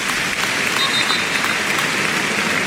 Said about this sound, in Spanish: Ahora oiremos también esos aplausos en recuerdo a Jarque, pero qué bonito ese detalle. Vamos a oírlo. Cornellá.